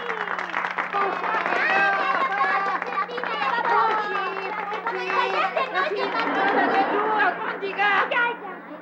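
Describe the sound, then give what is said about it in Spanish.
A crowd cheers and shouts with many overlapping voices, a loud, dense roar of excitement as an audience applauds the introduction of the artist Don Ramón. It holds steady for about eight seconds before quickly dropping off. “¡Un aplauso!”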